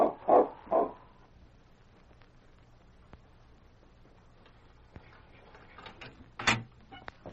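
A sled dog gives three quick, loud barks, then falls quiet for several seconds apart from faint clicks, before one more sharp bark near the end. No one speaks.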